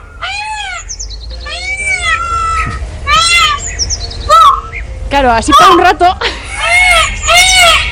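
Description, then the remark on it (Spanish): A peacock calls over and over, loud, piercing, cat-like wails that rise and fall in pitch, a string of about six cries while people talk underneath. “Ese es un pavo real un poco enfadado.”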